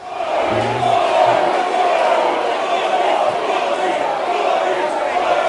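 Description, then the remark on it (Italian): A crowd of protesters shouting together at a political rally where Giuseppe Conte and Angelo Bonelli are on stage, halting the speeches; a loud, continuous roar of overlapping voices, with no clear individual words, sustained steadily for several seconds. “Si sentono diverse urla, ma purtroppo non sembra che possano nell'immediato riprendere gli interventi.”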